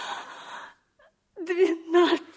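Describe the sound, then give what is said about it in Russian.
A woman cries: a breathy, shuddering sob, a brief pause, then a wavering, high-pitched whimpering wail that rises and falls. “Ну, не плачь. Не плачь.”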